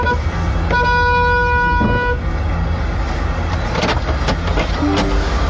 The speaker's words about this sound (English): This car in front rolls back, starts rolling back, like the handbrake's not on and their foot's not on the brake or whatever. Rolling back, and then the lady honks her horn and goes, oh, well, she's rolled back into me.